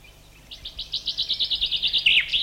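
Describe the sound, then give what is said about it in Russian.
A chaffinch sings a rapid descending series of bright, repeated notes that ends in a quick flourish with a short added call, clear with no voices. “Некоторые зяблики, как, например, вот этот, добавляют еще короткий звук, как бы ставя вопросительный знак на конце.”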